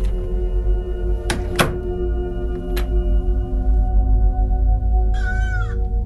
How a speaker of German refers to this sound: Das Tor hat aber auch lange kein WD-40 mehr gesehen. Ich mach mal die Tür zu.